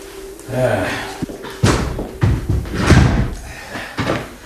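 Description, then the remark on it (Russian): A door that seems to be locked is rattled and banged several times in quick, uneven succession, with loud thuds and scraping knocks, as if someone is pushing against it; a voice is faintly present. “дверь как будто заперта.”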